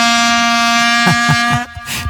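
A dense, buzzing drone of long plastic vuvuzela horns blares steadily in a stadium at the 2010 World Cup, on one low, brassy pitch, joined near the end by a few short, sputtering blasts.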